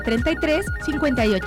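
A bright, melodic phone ringtone plays in quick repeating phrases of gliding electronic tones, loud and close, with no talking over it.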